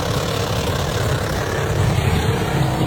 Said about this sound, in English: There she was in her Holden Commodore U. Oh, no. Helmet in tow. In her own car just or a special car? Thrashing out some burnouts,